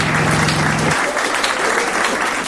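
A big ovation of dense, steady applause fills the whole stretch, loud, with a low hum underneath for the first second before it drops away.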